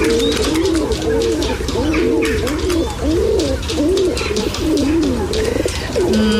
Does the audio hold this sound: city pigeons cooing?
yes